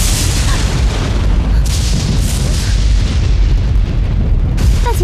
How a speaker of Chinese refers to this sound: 姐，这好好的怎么会雷声大作了呢？